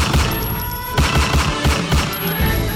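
Rapid bursts of gunfire from a shooting attack in the La Nueva Floresta neighborhood of Cali, Colombia, crack out loudly in quick succession, with heavy low thumps repeating in a fast, uneven rhythm and a faint high whine over the top. No one speaks.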